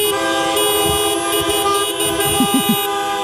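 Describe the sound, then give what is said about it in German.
A dense chorus of car horns honks continuously and loudly, many overlapping blasts at different pitches blaring together like a traffic jam celebration, with no voices; cars honking to celebrate the reopening of the A40 between Mülheim-Winkhausen and Essen after a week-long closure. “vor sieben fragen wir uns hier bei Radio Essen, wenn Autos applaudieren könnten, würde sich das dann so anhören?”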